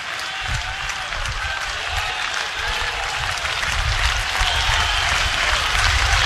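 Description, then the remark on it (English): A large baseball stadium crowd on its feet cheers and claps continuously as pitcher Horn faces hitter Folly on a 3-2 count, a dense roar of applause that swells slightly louder toward the end, with no clear talk above it. “Crowd to their feet.”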